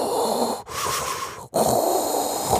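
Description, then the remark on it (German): A steam iron sputters out its last gasp: three loud, raspy hissing bursts broken by two brief pauses, with a wheezing, breath-like rasp that resembles heavy mechanical breathing. “Klingt wie Darth Vader, ist aber vielleicht der letzte Röchler Ihres Dampfbügeleisens.”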